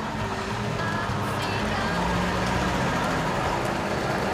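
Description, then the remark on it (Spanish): A red car creeps slowly along a street in daytime, its low engine rumble steady and fairly loud amid broad outdoor noise, holding an even level without any sharp sounds, as it approaches a man and stops beside him. “Mira sorprendido al coche rojo que se le acerca despacio.”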